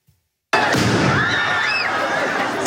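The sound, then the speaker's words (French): Firework mortar shots fired amid a crowd in the Saint-Germain quarter burst with a sudden loud bang, setting off a crowd movement, then a dense roar of crowd noise and crackling carries on, with brief whistling tones rising and falling through it. “Des tirs de mortier entraînent un mouvement de foule dans le quartier Saint-Germain.”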